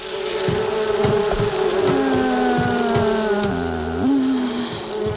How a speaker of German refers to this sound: Die Wespen, ja, die haben richtig Bock auf Stress. Ja. Die sind gerade, die sind gerade ultra aggro.